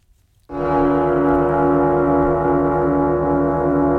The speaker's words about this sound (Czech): Dokonce od ledna 69 vznikla nová znělka, takový gong, který si teď pustíme.